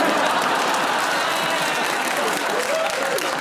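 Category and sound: crowd, audience clapping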